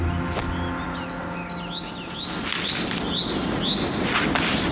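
A female crested ibis chick calls insistently in strong protest at her brother, a quick series of squeaky, rising chirps repeating for several seconds, clear over a low, steady background hum.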